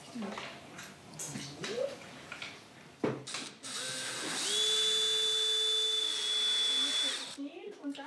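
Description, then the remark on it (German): A power drill whirs up to a steady, loud whine and bores into wood over a workbench for a few seconds before stopping, following a stretch of quiet talking and small handling sounds, during a DIY workshop course. “Einfach bohren und wieder rausziehen.”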